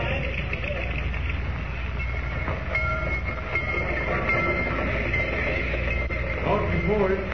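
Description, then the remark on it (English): A dirty train bound for Rocky Point rolls steadily along the rails, a continuous, fairly loud rumble with metallic rattling and clatter that holds for the whole stretch without pause. “I've never been on such a dirty train.”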